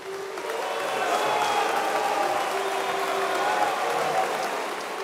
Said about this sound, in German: Buhrufe gehören wohl zum Schlimmsten, was man als Bühnenmensch erleben kann. Sie kommen aber beileibe nicht nur im Bierzelt vor.